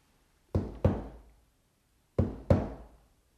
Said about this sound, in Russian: А в общем, ты, парень, ничего, исправно в крышу постучал.